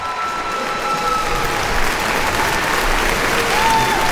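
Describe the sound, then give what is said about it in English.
A large audience applauds steadily with dense, continuous clapping, and scattered cheers and whistles rise above it, sustained and loud throughout, as the curtain falls at the end of Dayton Opera's production of Bizet's opera Carmen. “The curtain descends on Bizet's tragic masterpiece with roaring cheers and applause from the audience.”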